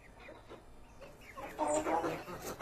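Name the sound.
chickens clucking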